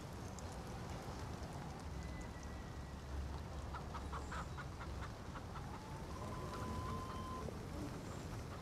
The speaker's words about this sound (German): Ich will, dass du dir das anguckst. Na los, guck dir die Hühner an. Weißt du, warum Hühner nachts schlafen? Sie können im Dunkeln nichts sehen.